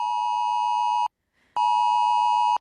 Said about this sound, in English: Now, this siren is supposed to override the do not disturb on your device. It is also going to override the silent mode.